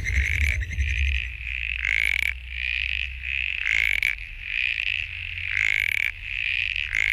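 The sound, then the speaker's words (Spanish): A masked toad (sapito antifaz) calls in a loud, steady high-pitched trill, punctuated by sharper bursts repeating roughly every second, with a low rumble underneath and no voices. “Muy parecido, más tradicional, este es el sapito antifaz, que también representa a este David que estamos contando esta historia esta tarde.”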